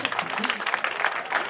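A short burst of audience applause, many hands clapping together in a steady, dense patter at moderate loudness, heard close for a second and a half.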